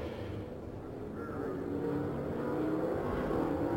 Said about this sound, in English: Now we see the seven cars ahead of our leader, John Paul Jr., beginning to accelerate. In corner number four, the pace car is on pit road, and indeed the green flag is out.